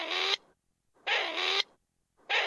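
A grey partridge gives three harsh, creaky rasping calls, each a short grating burst spaced about a second apart, loud and alone with no voices.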